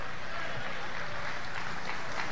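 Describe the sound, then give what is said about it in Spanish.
An audience applauds, the clapping coming only from the unmarried brothers: a dense, steady patter of many hands clapping together that holds evenly for a couple of seconds at a moderate level, with no clear voices over it. “Mire, esas palmas, solo los hermanos solteros dijeron.”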